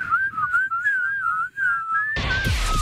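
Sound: person whistling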